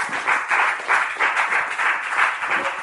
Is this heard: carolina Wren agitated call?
no